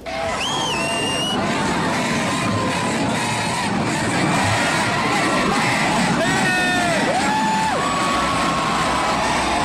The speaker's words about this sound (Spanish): en una parte del concierto los asistentes le empezaron a gritar mucha ropa. Le decían mucha ropa